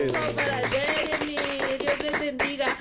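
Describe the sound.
A crowd claps steadily for a few seconds in honour of someone's son turning 18, dense overlapping claps forming a continuous wash of applause, with a sustained tonal voice or instrument humming underneath.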